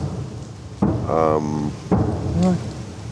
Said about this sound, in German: Ja, jetzt geht's wieder los. Das ist aber... Das ist Ukraine. Ah, das ist Ukraine. Das ist Abwehrflak. Alles gut.